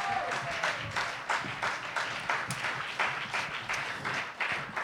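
A crowd applauds steadily, dense overlapping claps forming a continuous loud wash of sound for several seconds, with no speech over it.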